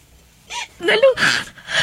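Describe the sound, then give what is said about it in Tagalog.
A child cries in short, breathy whimpering sobs, three or four uneven bursts, with gasping catches between them and no clear words. “Nganong mihilak mag-ugapil?”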